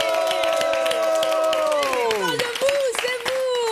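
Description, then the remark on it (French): A live audience at a recording of the show Le Perchoir applauds steadily, dense clapping throughout, while voices whoop and cheer over it with a long, sliding cry that drops in pitch. “On applaudit aussi avec nous ce soir. On a la présence d'un merveilleux public.”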